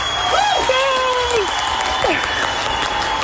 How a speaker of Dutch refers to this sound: En jij bent gewoon aan het rammen. En dat verdient, wat mij betreft, een applaus.